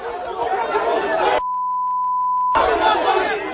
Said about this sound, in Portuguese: Madrugada no Rio de Janeiro, quando os jogadores do Botafogo desembarcaram no aeroporto do Galeão sob protestos da torcida.